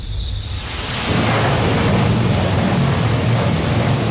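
Steady rain of a midsummer thunderstorm around the Major Heat (Dashu) solar term hisses loudly, then about a second in a deep, rolling rumble of thunder swells underneath and keeps growling while the downpour continues, with no voices.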